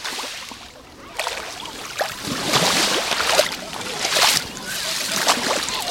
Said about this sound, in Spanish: El sonido del agua del mar en la playa de Saloreña. Ya he dicho que el mar habla también por este micrófono. Vamos a ver lo que nos dice. Así suena hoy el mar Mediterráneo en la playa de La Charca.